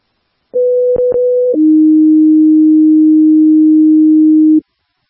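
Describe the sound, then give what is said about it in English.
Two-tone fire dispatch pager alert for Truck 47 on a medical aid call: a steady tone for about a second, then a lower sustained tone held for three seconds, loud and clean with brief clicks at the start; no voices. “Standby for tones.”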